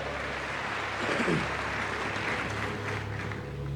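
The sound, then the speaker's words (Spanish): A crowd claps steadily for several seconds, a strong round of applause to seal a declaration, a dense, even wash with no voices breaking through, holding at a fairly constant loudness throughout. “Séllalo con un fuerte aplauso.”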